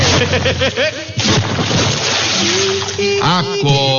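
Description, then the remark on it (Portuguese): A bucket of water is thrown onto a boy who won't get up, in a loud splash, with excited shouting and yelling voices around it and afterward. “Joga água nele”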